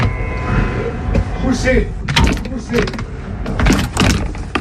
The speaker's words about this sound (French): Poussez. Ça y est, j'ai réussi. Un peu archaïque cette porte. Enfin, mais y arrive. Elle surprend tellement de gens qu'elle me rassure vis-à-vis de certains voleurs, par exemple.